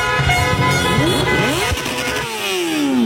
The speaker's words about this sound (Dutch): Maar meteen na het eindsignaal komen overal mensen naar beneden de straat op. En begint het gigantische toeterconcert in Amsterdam-West.